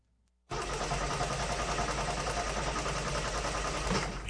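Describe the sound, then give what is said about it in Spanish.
A car engine kicks on abruptly after a brief quiet moment and keeps running loudly and roughly, with an uneven, sputtering rumble throughout. “Y la ñata, pues está igual que él. Puras fallas, ay, ay, ay.”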